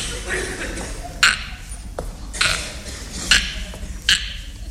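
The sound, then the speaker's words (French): A telephone being dialed to call a hotel again: four short, bright beeps or clicks land at uneven intervals over a low, steady background hum, moderately loud. “Je vais y retéléphoner.”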